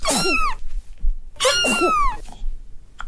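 A cat makes two strained, raspy vocal bursts, like coughing or hacking, each about half a second long with a short pause between. It is fairly loud, with no talking.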